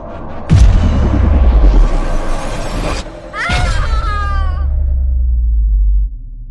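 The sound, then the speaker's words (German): A loud crash opens a deafening, grinding rumble that swells for a few seconds, then a second heavy impact brings metallic screeching over continued low roaring before it cuts off, as a craft pulled toward a giant pink spiral despite reverse thrusters lands in the Andromeda Nebula. “Dann plötzlich ein ohrenbetäubender, schleifender Ton und ein wirklich furchterregender Knall.”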